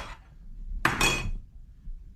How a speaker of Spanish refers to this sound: Cuando llegas a la casa y la mujer te avienta la comida así.